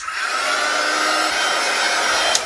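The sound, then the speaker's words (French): A heat gun blows with a steady whooshing roar and a faint motor whine, holding constant throughout like a hair dryer running on high, heating a smartphone to unstick its screen in a phone repair shop in Laval; no voices. “C'est pas un sèche-cheveux, mais ça y ressemble quand même au niveau du bruit et même de la forme.”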